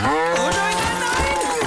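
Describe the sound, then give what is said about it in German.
A cow moos loudly, one drawn-out low call with a wavering pitch that fills the whole short moment, with no talking over it. “Sich für Milchprodukte eine eigene Kuh in der Einzimmerwohnung halten?”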